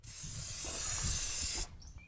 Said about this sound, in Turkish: Şimdi püskürtüp kolay çalıştırma evet, yapalım.